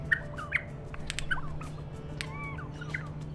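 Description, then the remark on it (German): A recording of regent honeyeater song, played to captive-bred birds at an Australian breeding station: repeated short, varied chirps and warbling calls, some bright notes rising and falling, over a steady low hum, with no voices present. “Die Gesänge helfen den gezüchteten Tieren in der Wildnis bei der Interaktion mit anderen Warzenhonigfressern, zum Beispiel bei der Partnersuche.”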